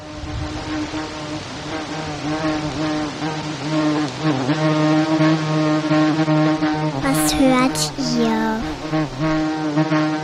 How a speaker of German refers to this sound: Das ist eine Biene, die an Mikrofonen rumschwirrt. So gleichmäßig summt das Insekt herum, dass es sich ein bisschen anhört wie ein Rasenmäher oder ein Rasierapparat.